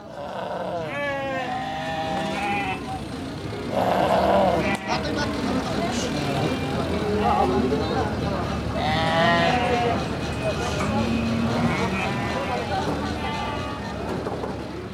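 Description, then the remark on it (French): A busy outdoor Uyghur livestock market, with sheep bleating repeatedly over a dense crowd murmur of voices and occasional vehicle noise. “On voit des poules, des vaches, des moutons peut-être, des ânes, comme ici dans ce marché ouïghour.”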